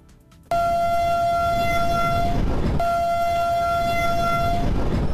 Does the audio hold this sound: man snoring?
no